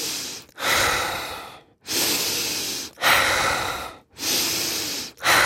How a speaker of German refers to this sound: Deswegen ist mir wichtig zu sagen, ich kann es ja mal kurz vormachen, was hier so eine typische Frequenz ist, wie wir das machen bei diesen aktiven Atmen.